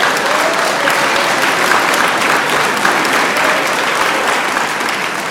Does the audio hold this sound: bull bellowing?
no